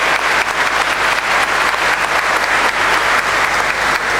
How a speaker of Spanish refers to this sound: Finalmente, vamos a agradecer a nuestra querida ciudad que está de cumpleaños, felicitarla mejor por los 247 años de fundación. Muchas felicidades, Pilar, y un fuerte aplauso.